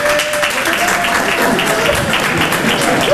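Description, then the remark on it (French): An audience of about 300 people, asked to applaud if married, gives steady but lukewarm applause, a continuous wash of scattered claps with little enthusiasm, throughout the short moment. “300 personnes, t'entends la tristesse de l'applaudissement, comment il est triste, voilà.”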